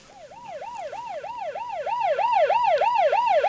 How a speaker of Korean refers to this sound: 1층 엘리베이터에서 내리자 사이렌 소리가 크게 들렸다.